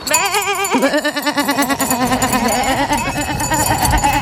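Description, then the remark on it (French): A human voice mimics a sheep, letting out a long, wavering bleat that quivers rhythmically, loud, then continues in a strained, nasal baa for several seconds. “Pardon, on s'échauffe. Le dimanche 14 juin, cap sur Sompitaillure pour la 10e édition de la fête du mouton.”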